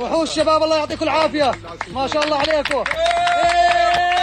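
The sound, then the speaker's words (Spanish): A crowd cheers and applauds loudly, with many excited voices shouting over scattered claps, and one voice holding a long, steady call near the end, as a rescue team from Jordan pulls a 3-year-old boy alive from the ruins of a building in Los Corrales, La Guaira. “Los aplausos y los vítores han vuelto a sonar durante al menos unos segundos cuando el equipo de rescatistas procedente de Jordania ha conseguido rescatarle con vida.”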